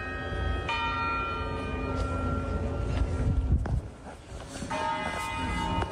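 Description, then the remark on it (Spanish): Church bells ring from a bell tower at 6 in the morning, part of ringing every 15 minutes, two resonant strikes with long humming decays that overlap and linger. A steady low outdoor rumble sits underneath, and no one speaks. “Ahí están las campanitas, son las 6 de la mañana y ya sonando las campanas estas desde la 1:30 exactamente, cada 15 minutos, sin fallo.”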